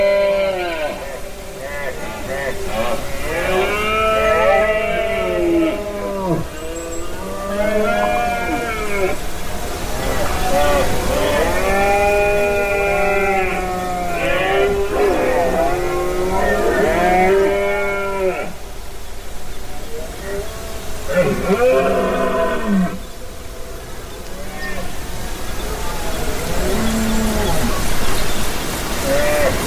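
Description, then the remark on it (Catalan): Red deer stags bellow during the rut at Beaumort, a limestone mountain in the Conca de Dalt and Pallars Jussà within a large natural park, with several drawn-out, groaning calls rising and falling and often overlapping. The roars repeat steadily over a constant hiss, some loud, others quieter. “Aquesta que escolteu és la brama dels cérvols a Beaumort, en aquesta muntanya calcària a la Conca de Dalt i al Pallars Jussà, i que s'engloba dins d'un gran parc natural que és super immens i que agafa molt del territori de muntanya, d'alta muntanya.”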